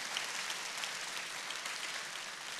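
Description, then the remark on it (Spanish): An audience applauding the Lord: many hands clapping together in a dense, steady wash of sound that holds at an even level throughout, with no voices over it. “Dale un aplauso si quieres al Señor.”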